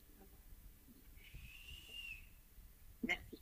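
A single soft, high whistle from Rature, a little female rat, holds steady for about a second against a quiet background, followed by a brief faint knock.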